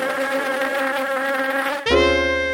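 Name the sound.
bee buzzing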